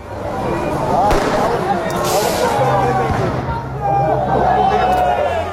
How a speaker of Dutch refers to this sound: Vanavond liep een protest opnieuw uit de hand. Er werd vuurwerk gegooid en brand gesticht.